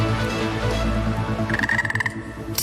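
A frog croaks in a rapid, rattling pulsed trill that rises out of a dense, low background rumble, loud, lasting a couple of seconds.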